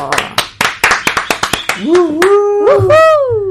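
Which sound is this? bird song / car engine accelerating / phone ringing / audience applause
audience applause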